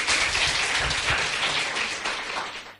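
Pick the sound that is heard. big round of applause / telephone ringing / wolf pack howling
big round of applause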